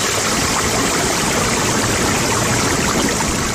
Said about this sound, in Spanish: Desde que tenía 3 años, Sara Sofía Díaz León visita el río frío en Florida Blanca. Durante 8 años ha visto pasar el agua entre las piedras, ha recorrido sus orillas y ha aprendido a reconocer sus cambios.